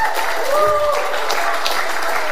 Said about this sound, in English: Just take 3 seconds and give the Lord a loud hand clap and a shout of praise.